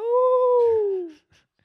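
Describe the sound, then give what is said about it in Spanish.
A single drawn-out, wolf-like howl, apparently a person imitating it, rising slightly and then sliding down in pitch for just over a second, loud, followed by a faint brief noise. “Pues un lobo.”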